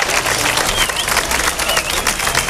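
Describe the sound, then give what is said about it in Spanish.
Sustained applause from a sizable outdoor crowd of teachers and students at the doors of the Instituto José Cadalso in San Roque, Cádiz, ending a protest rally against a student's assault on a teacher. The clapping is dense and steady and fills the whole moment, with a few faint cheers mixed in. “Ovación más que cerrada por parte de profesores y alumnos del José Cadalso al término de la concentración de repulsa”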